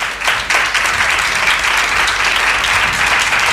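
An audience bursts into sustained applause, many hands clapping densely and steadily for a few seconds, loud and close with no break in the noise.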